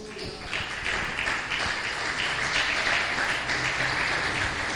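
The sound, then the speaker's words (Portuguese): A church audience claps steadily together in praise to the Lord, a dense wash of many hands sustained at an even, fairly loud level for the whole stretch, with a faint murmur of voices mixed in. “E a igreja fica em espírito de oração e as palmas continuem louvando ao Senhor.”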